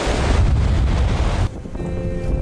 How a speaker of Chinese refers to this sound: 但是随着我转过来，哎，可以看见我脚下的这个鹅卵石滩就连接着身后的灵山哈。当然这条小路现在已经被两侧的海浪给掩盖住了哈，白白的浪花让大海变得特别温柔。